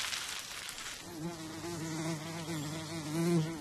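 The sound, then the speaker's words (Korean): Several bees buzz steadily as they tend their queen, who has landed at a burrow abandoned by a ground squirrel. A low droning hum with wavering pitch starts after a brief rustle and continues throughout, slightly louder near the end. “여왕이 내려앉자 다른 벌들이 부지런히 여왕을 보살핍니다.”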